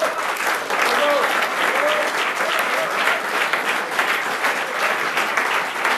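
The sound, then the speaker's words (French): Sustained, dense applause from an audience for a jazz band at the Baïchou in Brussels, a steady wash of many hands clapping at even loudness throughout, with faint cheers or whistles rising briefly above it. “On peut encore les applaudir.”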